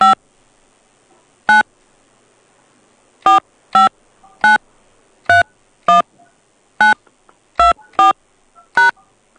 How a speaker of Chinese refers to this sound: 暂未查询到您的投保记录，需要您输入投保手机号，按井号键确认。